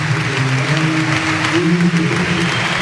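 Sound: stadium crowd ovation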